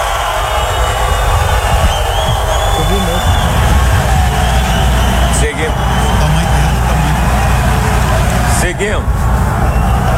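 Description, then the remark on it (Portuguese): A huge stadium crowd roars and chants 'Neymar' steadily at a CBF football squad announcement with fans present, a dense, loud wall of voices that holds for the whole stretch with only brief dips. “Agora com convocação com torcida é diferente, hein?”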